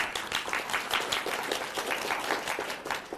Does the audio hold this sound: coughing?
no